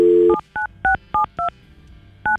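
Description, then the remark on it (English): A phone number being dialed: a brief dial tone cuts off into six clear touch-tone beeps, evenly spaced, with a short pause before the last one, with no talking. “We have her phone number.”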